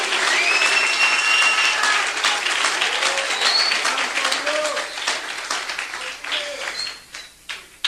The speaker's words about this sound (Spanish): Jesucristo, dé un aplauso al Señor en esta linda noche.